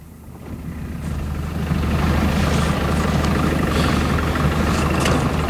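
An engine runs steadily, a deep continuous rumble that swells in loudness during the first couple of seconds and then holds even, with no voices.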